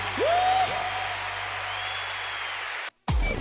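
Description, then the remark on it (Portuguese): An audience applauds the Holy Spirit in a dense, steady wash of clapping, with a few rising whistles over it, before the sound cuts briefly to silence near the end. “Aplauda o Espírito Santo com força, povo de Deus!”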